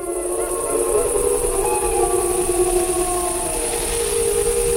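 A pack of wolves howls to one another in a chorus, long overlapping tones that slowly rise and fall in pitch, steady and fairly loud throughout, with a constant hiss underneath and no voices.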